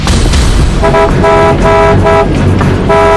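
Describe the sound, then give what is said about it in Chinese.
A car horn honks loudly in a rapid series of about four short blasts, sounding over a constant heavy rumble of engine and road noise. “闪开！听不见喇叭声吗？”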